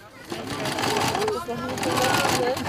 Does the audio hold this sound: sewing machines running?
yes